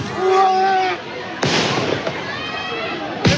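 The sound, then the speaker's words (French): Firework mortars fired toward firefighters during clashes in Saint-Denis, France, go off in two sharp, loud bangs about two seconds apart, preceded by high whistling tones, with shouting crowd voices in the background. “Des tirs de mortier d'artifice tirés en direction des sapeurs-pompiers.”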